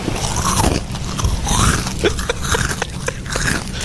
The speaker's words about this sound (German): Gucken Sie zur Seite und sehen, wie sich eine Ziege an ihren Chips vergeht. So passiert an der Cala San Vicente. Das Tier, das spazierte nämlich ganz entspannt durch die Badegäste und hatte es offenbar vor allem auf deren Proviant abgesehen.